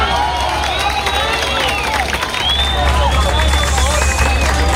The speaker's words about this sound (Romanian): Echipele de urgență și voluntarii lucrează neîntrerupt pentru a-i salva pe cei prinși sub dărâmături. Fiecare operațiune reușită este întâmpinată de aplauze și urale.